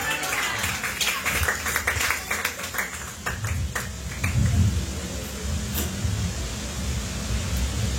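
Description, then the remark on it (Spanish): A church audience claps loudly as an offering of applause to God, a dense burst of overlapping hand claps over a steady low rumble, thinning out toward the end into scattered claps. “Dale una ofrenda de palmas fuertes a nuestro Dios, iglesia.”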